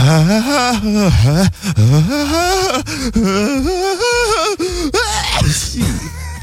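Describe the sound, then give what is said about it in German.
A single voice performs an exaggerated operatic sneeze, in the style of an opera singer who builds the sneeze up big: loud, sung, wavering gasps swell over several seconds before a noisy sneeze burst near the end, unaccompanied. “Hier zum Beispiel, das wäre die Spezies Opernsänger. Die bauen ihr Nieser quasi immer groß auf.”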